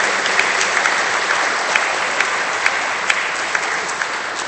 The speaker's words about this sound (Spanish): Un fuerte aplauso al Señor de los milagros.